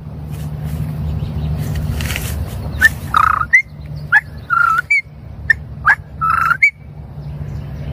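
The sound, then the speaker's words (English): A voice imitates a common poorwill's call: a series of short, clear whistled notes in quick two- and three-note phrases, loud, over a steady low background hum. “Poor Will.”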